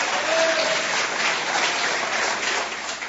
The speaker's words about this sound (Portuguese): Bate as palmas bem forte pro Senhor Jesus.